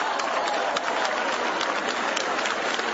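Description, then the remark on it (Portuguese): An audience at a church service claps hands in praise to God, a dense, steady wash of overlapping claps that holds a fairly loud level throughout, with no voices standing out above it. “Bate palmas da glória.”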